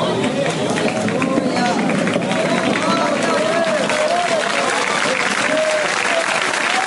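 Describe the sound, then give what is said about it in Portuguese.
An audience claps steadily in a dense, continuous wash of hand claps, loud and sustained, with murmuring voices mixed underneath. “Pelo amor de Deus, essas palmas estão entradas, meu Deus. Cadê o povo das palmas?”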